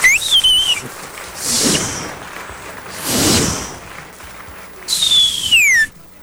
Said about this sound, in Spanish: También se van los cohetes, eso no.